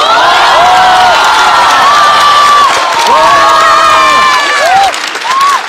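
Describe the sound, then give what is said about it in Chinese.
A stand-up comedy audience cheers and whoops steadily, with many high rising and falling shouts layered over a dense wash of clapping, barely easing toward the end. “非常简单，掌声激烈，跳回来。”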